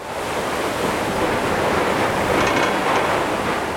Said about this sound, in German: An diesem Februartag bricht sich die Fähre den Weg durch das vereiste Meer zur Insel Suomenlinna.